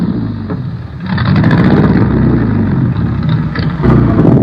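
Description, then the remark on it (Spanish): The racing engine of a mysterious car, the famous GRX engine, roars loudly and steadily, with a deep rumbling low end and a surge in intensity about a second in, then another push near the end. “Ese auto tan misterioso tiene el motor de carreras más potente y peligroso de todo el mundo.”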